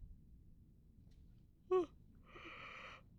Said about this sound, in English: Excuse me. Sorry. I just had a really big yawn there.